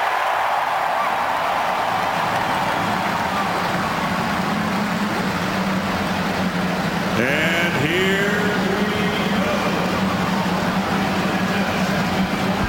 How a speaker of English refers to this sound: The field of 33. The cars roar to life as we get ready for the 106th running of the Indianapolis 500-mile race.